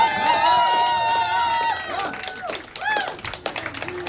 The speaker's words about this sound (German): Also, hey, bitte schnell einen lauten Applaus für alle Helferinnen und alle Organisatorinnen von diesem Festival.